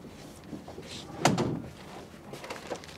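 A door slams shut once, a sharp thud followed by a short rumbling decay, against a quiet background with faint shuffling before and after.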